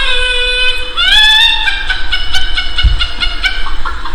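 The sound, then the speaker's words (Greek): A rooster crows loudly at 6 in the morning in a village, one long drawn-out call that rises then breaks into choppy, pulsing notes, with no talking over it. “Αυτό είναι κόκορα το πρωί. Αυτό είναι 6 ώρα, 6 ώρα το πρωί κόκορα, ρε, στο χωριό.”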